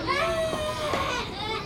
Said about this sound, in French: Tu entends ? On dirait que quelqu'un pleure.